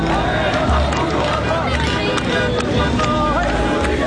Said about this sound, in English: I struggle to stay on my feet as the crowd surges in downtown Damascus.